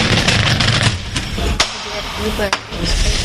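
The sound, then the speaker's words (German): A fire engine's equipment compartment door opens: a steady rattling, rumbling mechanical noise broken by two sharp metallic clacks as the latch and door move. “Und können wir mal die Schiebetüren von den Feuerwehren mal angucken? Wir können mal so ein Gerätefach aufmachen und mal reingucken, ne?”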